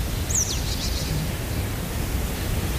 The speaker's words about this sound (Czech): potřebují na regeneraci ten klid, kdy ti nehraje hudba a slyšíš jenom ptáky.